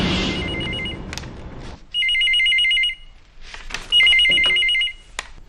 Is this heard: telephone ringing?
yes